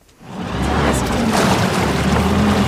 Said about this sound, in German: Die Retter der DLRG Rheinfelden düsen mit ihrem Einsatzboot über den Rhein.